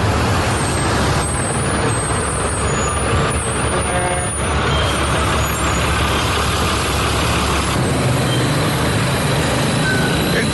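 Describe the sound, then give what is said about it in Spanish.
Dense, loud street traffic, made heavy by a street closure, with heavy trucks rumbling and a hiss of air brakes, engines droning steadily throughout with no break in the noise. “Es por eso el cierre y el tráfico vehicular en esta zona es pues bastante pesado.”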